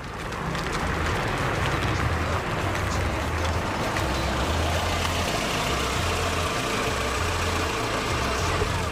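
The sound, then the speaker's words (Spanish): A car engine starts and idles steadily as a drive begins, a continuous low rumble with a rough, pulsing throb that holds an even loudness throughout, with no voices. “Martes pola tarde, chegando xa ás 5:30, ides agora a escoitar, sin hais horarios, momento de arrincar, momento de comezar esta ruta con turbulencias.”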